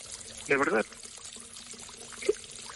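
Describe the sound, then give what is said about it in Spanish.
Hot water pours steadily into a tub for a bath, a soft continuous rush throughout, with a brief voice sound near the start and a faint knock later. “mi amor, el agua ya está caliente. Te voy a... Vente a bañar.”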